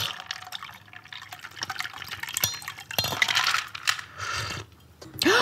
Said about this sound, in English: Now shake it up. Shake it up like Dalton is shaking up the Double Deuce with all his new rules. And then you're gonna pour into your cocktail glass